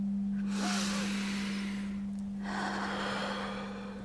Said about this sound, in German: Wir müssen atmen. So wie wir es gelernt haben.